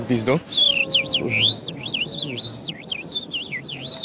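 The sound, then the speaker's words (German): A bird-voice imitator whistles a bird-like song, modulating the whistle to imitate a lark with rapid, warbling, sweeping trills that rise and fall continuously for several seconds, clear, after a brief spoken sound at the start. “Das klang so ähnlich wie eine Lerche”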